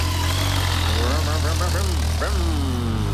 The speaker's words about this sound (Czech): Hele, motorka.